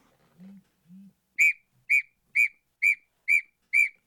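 A golden eagle's call: six short, sharp, high-pitched yelps repeated at an even, quick pace, each clear and loud, after two soft low hums at the start.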